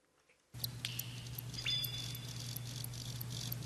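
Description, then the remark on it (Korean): A cricket's chirping, played as the second sound in a sound quiz, starts after a brief silence, a soft, weak continuous trill with high, thin repeated pulses over a low steady hum, quiet with no voices. “이게 귀뚜라미라고요?”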